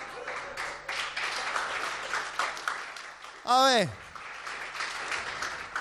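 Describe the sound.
An audience applauds steadily for several seconds, a dense wash of clapping at even loudness, while a single voice briefly calls out over it partway through.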